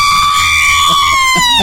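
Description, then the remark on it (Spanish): A traditional Mexican grito from a fan celebrating a win by Mexico's national football team: one loud, piercing yell held for nearly two seconds, its pitch sliding slowly downward, with faint background noise beneath. “A ver, un grito mexicano.”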